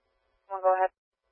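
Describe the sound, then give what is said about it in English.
A brief electronic dispatch alert tone sounds once, lasting under half a second, steady and fairly clear against silence. “Now, we're acknowledging tones, and is PD on scene for this call?”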